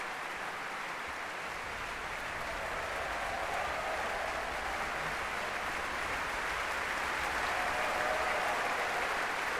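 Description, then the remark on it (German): Sustained, dense applause from a large concert audience after Gustav Mahler's Sixth Symphony conducted by Alan Gilbert, cheering the percussionists who have stood up together at the back of the orchestra. A steady roar of clapping with cheering mixed in, holding at an even loudness throughout with no speech. “Dieser Jubel, der gilt gerade den Schlagzeugern, die gemeinsam aufgestanden sind, hinten im Orchester.”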